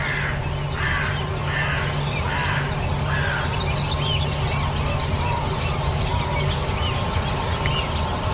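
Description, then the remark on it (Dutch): On a morning on Schiermonnikoog, a grasshopper warbler's thin, unbroken reeling trill runs steadily in the distance while barn swallows twitter, along with house martins, oystercatchers and black-headed gulls, and a few rough, harsh calls repeat in the first seconds. “beleeft een geweldige ochtend met in de verte de sprinkhaanzanger, dat permanente getril. Hoor je het? En de boerenzwaluwen, huiszwaluwen, scholeksters, de lachende meeuwen.”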